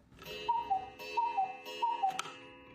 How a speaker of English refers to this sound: Then he remembered his old alarm clock in the cupboard, the one he'd used in days before cell phones.